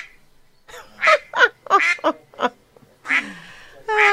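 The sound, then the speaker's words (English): Ducks quacking loudly, a rapid irregular run of raspy, nasal calls that stutter on, pause briefly, then return with a couple more quacks. “It's all about the ducks.”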